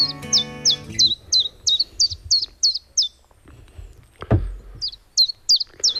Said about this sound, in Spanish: Pues ya hemos llegado al Parque Natural del Estrecho y en este momento nos escuchamos de fondo un mosquitero común.